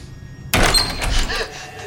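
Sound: doors opening and closing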